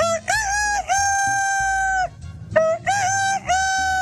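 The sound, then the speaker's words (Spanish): A man imitates a fine rooster crowing with his voice, producing several drawn-out, high cock-a-doodle-doo calls in quick succession, loud, with short breaks between them. “El gallo fino y el gallo basto.”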